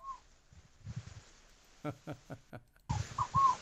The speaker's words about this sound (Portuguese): Meu bem, não chegou voz, não. Chegou só um passarinho Passarinho. cantando. Ó. Fogo, pagou.